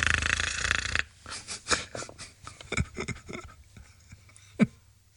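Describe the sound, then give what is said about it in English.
A long, harsh rasping snore from Dagwood under a kitchen sink, then a string of softer sputtering snorts and puffs with one sharp snort near the end, with no one talking. “From under the sink, we hear Dagwood snoring.”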